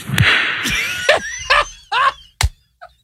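A string of sharp, cracking claps at uneven intervals, the loudest coming near the end, mixed with short high-pitched squealing sounds in between.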